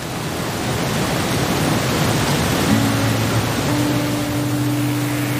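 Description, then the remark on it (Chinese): Mountain river water rushes steadily through a valley in a constant, full hiss with no pauses; about halfway through, a faint low steady hum joins underneath. No one speaks. “只有山里才这么安静，能听到水声、风声、鸟声。”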